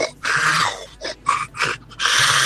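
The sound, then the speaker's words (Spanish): A person imitates a lion's roar with harsh, breathy growls: one long rasping burst, a few short choppy grunts, then another sustained roar, loud and raspy with no other voices. “Ahí tengo mi rugido del león, quiero participar por todos los premios.”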